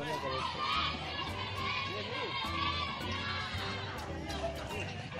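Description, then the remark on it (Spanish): A large crowd of the people of Guatemala shouts and clamors fervently together in a dense, continuous roar of many voices, steady and loud throughout with no single voice standing out. “El pueblo de Guatemala gritaba con fervor.”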